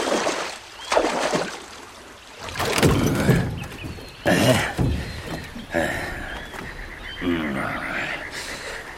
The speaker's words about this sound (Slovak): Poriadne zaber, nech sme čím skôr za vodou.